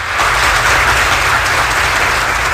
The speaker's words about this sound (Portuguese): Essas palmas são para você.